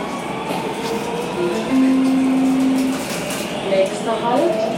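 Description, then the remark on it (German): Steady rumbling interior of a subway train in motion across the city centre of Nuremberg, with a rising electric motor whine partway through and faint background voices under the continuous noise. “Mit der U-Bahn sind es ein paar Stationen quer durchs Zentrum und ein weiterer Ort der Erinnerung ist erreicht.”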